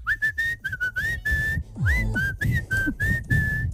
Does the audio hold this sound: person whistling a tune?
yes